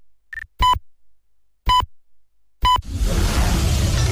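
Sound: radio time signal beeps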